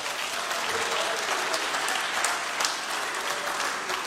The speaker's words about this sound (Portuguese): Cadê o aplauso para o meu mestre?